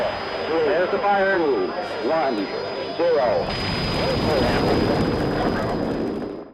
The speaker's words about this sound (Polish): Słyszysz? Delikatnie musuje. Orzeźwia i gasi pragnienie. Ty już wiesz, to Litorsal.